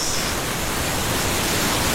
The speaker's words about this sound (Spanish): Escuchen las olas de San Andrés Islas.